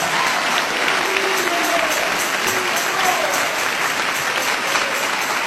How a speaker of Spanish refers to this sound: Dale ese aplauso de alabanza y de victoria a Jesús de Nazaret.